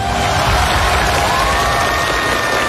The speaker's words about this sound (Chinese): 欢迎来到由中央广播电视总台联合工业和信息化部共同推出的首档大型工业文化节目《中华考工记》。大家好，我是总台主持人龙阳，掌声欢迎各位。